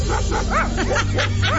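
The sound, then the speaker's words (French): An English bulldog barks repeatedly in quick, uneven bursts, fairly loud, over a steady low hum in the background. “Qui aurait cru que votre bulldog anglais pourrait vous aider à construire votre patio?”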